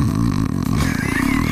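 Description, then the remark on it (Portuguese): A voice imitates snoring with a loud, rough, rattling drone held for about a second and a half. “deve roncar, tem cara aqui. Um barulho mais ou menos assim, ó.”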